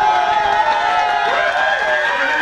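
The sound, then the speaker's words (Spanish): A loud, continuous burst of crowd applause with cheering and whistling mixed in, steady throughout with no one speaking over it. “Un fuerte aplauso para mis amigos de Frenos y Embragues Fremen.”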